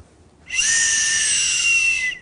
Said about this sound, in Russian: Вы можете набрать в себя воздуха, ставить свисток и просто под воздействием выдохнуть, не напрягаясь, у вас сил нет, вы просто вот так вот падаете и выдуваете.